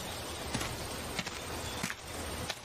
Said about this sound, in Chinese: 有清浅的脚步声靠近我，是男子的脚步